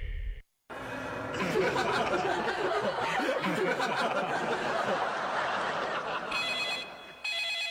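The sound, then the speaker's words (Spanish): A telephone rings with bright, repeating bell tones, loud, over a dense wash of sound and what seems like low laughter, ending with clearer ringing after a brief pause. “No contestes el teléfono, porque la próxima víctima podría ser tú.”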